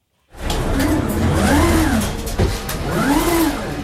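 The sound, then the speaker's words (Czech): AutoStore warehouse storage robots whir along their grid atop aluminium frames holding plastic bins stacked in columns up to 6 metres high, moving at roughly running speed, their electric motors whining up and down in pitch in repeated sweeps over a steady mechanical rumble and rattle, with no voices. “Nad nimi jezdí jako věž na šachovnici zhruba rychlostí běhu roboti.”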